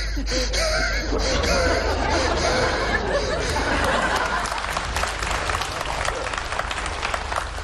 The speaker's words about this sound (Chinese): 谢谢，嗯，谢谢大家这么热情的掌声。